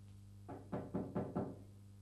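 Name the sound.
knocking on a door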